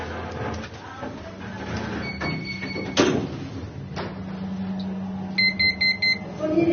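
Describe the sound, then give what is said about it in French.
An elevator's doors slide shut with a muffled thud, then a low motor hum carries the lift to the first floor, punctuated by electronic chimes and a quick run of four beeps near the end. “Fermeture des portes.”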